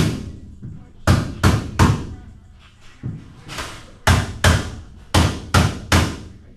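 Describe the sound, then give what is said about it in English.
Loud hammer blows ring out in quick clusters of three or four, sharp impacts with short reverberant tails, separated by brief pauses, as construction crews hammer wall frames on the upper floors of an outpatient health center. “Back at the outpatient health center, construction crews hammer away at wall frames on the upper floors.”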